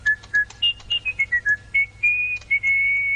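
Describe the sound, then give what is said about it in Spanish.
Someone whistles a lively tune: a quick run of short, bright notes rising and falling in pitch, ending on longer held tones, clear with no talking. “Pero él chiflaba. Él se iba chiflando al dolor que le hubieran causado él.”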